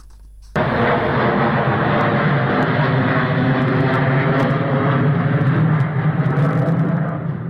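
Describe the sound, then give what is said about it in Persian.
A loud, steady roar of US military bomber aircraft engines at the Fairford air base in southern England, as the bombers are withdrawn to the United States, starts abruptly and holds constant, a dense droning rumble with no voices over it. “پس از انتشار گزارش‌های درباره احتمال حمله پهپادی به پایگاه هوایی فرفورد در جنوب انگلیس، آمریکا بمب افکن‌های خود را از این پایگاه خارج کرد و به ایالات متحده بازگرداند، موضوعی که واکنش دونالد ترامپ رئیس جمهور آمریکا را نیز در پی داشت.”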